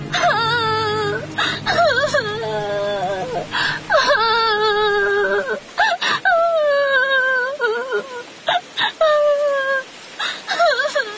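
A young woman sobs and wails in long, wavering cries broken by short gasping breaths, loud, continuing without pause for several seconds.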